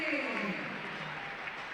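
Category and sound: crowd, stadium crowd applauding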